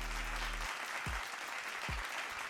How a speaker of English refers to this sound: And I don't want to talk basketball, but I got to talk basketball because I got to give a round of applause for all the New York Knicks fans.